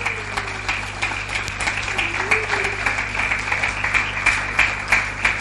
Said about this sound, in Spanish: Denle un aplauso al Señor, claro que sí.